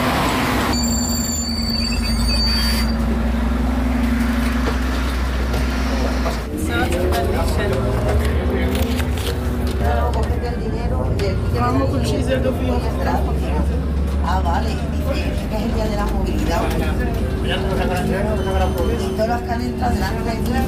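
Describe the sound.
Passengers chat inside a moving city bus in Toledo on Car-Free Day, when the city buses are free; a woman explains to other passengers that she was not charged for her ticket. Overlapping voices above a steady low engine rumble that hums on throughout, with occasional rattles and creaks of the vehicle.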